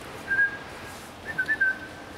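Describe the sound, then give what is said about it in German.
A person whistles a short, thin tone, pauses, then gives a quicker run of a few clipped whistle notes, clear, calling a young animal during a training round over a quiet background; the same whistle is used for every young animal. “Ich pfeife immer so, bei jedem Jungtier gleich.”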